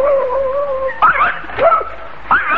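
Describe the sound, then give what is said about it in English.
A dog, the watchdog Psyche, whimpers with a thin drawn-out whine at first, then breaks into three short, high yips spaced about half a second apart. “You bark at a non-existent postman, then fail to hear the car.”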